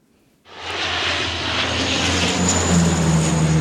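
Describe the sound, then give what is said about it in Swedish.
A loud firefighting aircraft engine roars in abruptly and holds steady overhead, a broad droning rumble with a low hum beneath, as planes dump water on burning forests during Europe's heatwave. No one speaks. “Vidsträckta skogar i brand och flygplan som dumpar vatten.”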